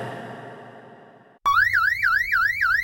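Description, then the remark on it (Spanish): A loud electronic security alarm siren bursts in abruptly after a quieter stretch of background sound, wailing in quick, repeated rising-and-falling sweeps, piercing. “Santa Marina, alarmas y seguridad. Solicite presupuesto para la instalación de alarma en su hogar o comercio.”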